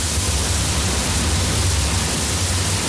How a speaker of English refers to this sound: That is the sound of the water from the artificial glaciers reaching this village in this huge underground reservoir.